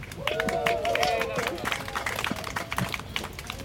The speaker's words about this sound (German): So, mein Fazit also, super, wir haben ein Klimagesetz, man darf sich auch über kleine Schritte freuen. Dafür kurz Applaus.